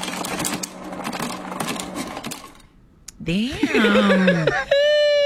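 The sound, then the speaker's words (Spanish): Ice cubes clatter and rattle out of a refrigerator dispenser in a steady mechanical rush for a few seconds. Then it stops, and voices break into loud laughter and chatter. “Hielo saliendo de un refrigerador.”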